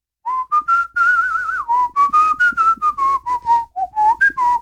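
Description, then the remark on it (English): Someone whistles a bouncy melody alone, a steady run of short, clear notes with a few longer held ones, the pitch stepping up and down through the tune. “It's not a bad tune, though.”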